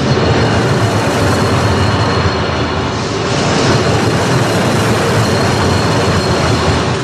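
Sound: paris metro train passing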